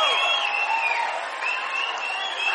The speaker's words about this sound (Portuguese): Por favor, senhoras e senhores, uma salva de palmas para o nosso compositor,